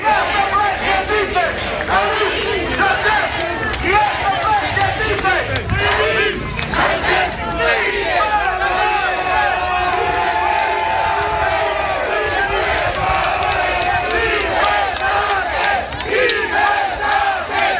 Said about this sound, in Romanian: Dimineață el venise încrezător în fața instanței, mai ales că sute de susținători l-au așteptat cu ovații pe treptele Curții de Apel București.